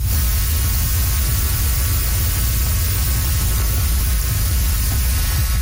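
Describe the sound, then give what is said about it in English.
A dense, steady rushing hum from millions of monarch butterflies in Mexico's Monarch Butterfly Biosphere Reserve, continuous and fairly loud, sounding almost like a waterfall, with a low rumble underneath and no voices. “It is actually the hum and the buzz of millions of monarch butterflies in Mexico's Monarch Butterfly Biosphere Reserve.”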